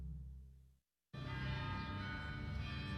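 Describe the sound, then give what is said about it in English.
Many bells ring at once in a dense, shimmering wash of overlapping tones. It cuts out briefly to silence, then returns full and loud, sustained without pause. “referred to this piece as a bell swirl on his album ….”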